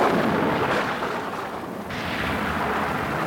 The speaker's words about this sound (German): In der Nacht tobt ein großes Unwetter in Berlin. Es donnert und kracht und der Regen prasselt ans Fenster.